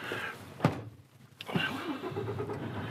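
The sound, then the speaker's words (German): A heavy truck engine rumbles at idle, two sharp mechanical clunks break in, then the motor revs up with a rising tone as the truck drives back out of muddy water. No voices. “So, dann fahren wir wieder raus aus dem Schlammwasser hier.”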